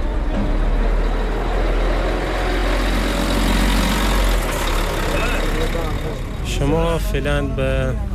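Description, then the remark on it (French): A bus engine idles with a steady, loud low rumble that runs unbroken throughout as a migrant family boards the bus bound for Herat, and a voice briefly speaks over it near the end. “On retrouve devant le bus”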